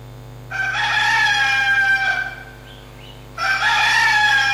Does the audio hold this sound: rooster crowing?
yes